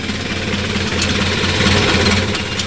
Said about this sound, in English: Back in those days, I drove a Model A coupe, and it was quite a car.